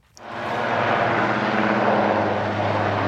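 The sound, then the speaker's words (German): A loud, steady rotor-engine roar from a helicopter builds quickly and holds, with a low droning hum underneath and no voices, as six German federal police special-unit officers rappel from it onto a federal police boat during an afternoon demonstration. “6 Beamte der Spezialeinheit GSG 9 seilten sich am Nachmittag aus einem Hubschrauber auf das Einsatzboot Bamberg der Bundespolizei ab.”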